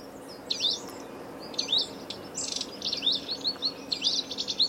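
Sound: birds chirping and singing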